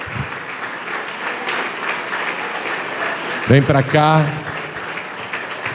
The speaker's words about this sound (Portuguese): Então vem aqui para frente, quem sente esse desejo, vem para cá e vamos aplaudir ao Senhor Jesus.